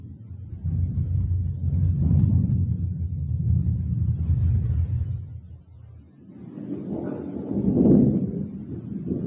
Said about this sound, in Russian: Деревья слились в сплошную черную массу, изредка озаряемую вспышками молний. Надвигается гроза.